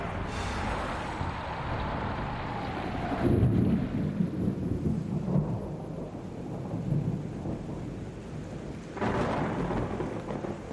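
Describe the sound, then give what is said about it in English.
Steady rain hisses throughout while deep thunder rumbles roll in and swell, with a louder crack and rumble midway and another burst near the end. No voices. “Each year, people are killed or seriously injured by severe thunderstorms.”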